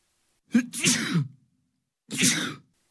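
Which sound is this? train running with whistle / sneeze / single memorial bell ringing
sneeze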